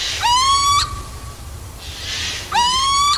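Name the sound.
little owl calling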